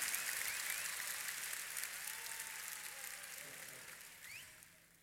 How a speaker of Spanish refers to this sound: Fuerte aplauso para el número uno